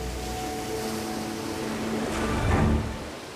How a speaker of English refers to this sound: In the coastal zone of the South Pacific, where the waves crash against the cliff